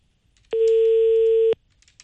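A single steady one-second telephone ringing tone, clear and fairly loud, as a call to someone's personal phone goes unanswered, with faint clicks before and after and no one talking.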